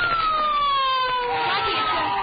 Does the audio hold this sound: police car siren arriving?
yes